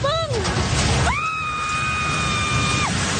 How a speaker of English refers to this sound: That scream of horror as a building housing a fast food outlet and three radio stations collapsed in the southern city of General Santos.